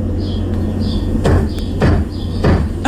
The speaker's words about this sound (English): So this is, as she gets ready for work, and before she leaves work every day, she stands on a chair, has a broom with the handle, and she kind of gives the ceiling a little knock.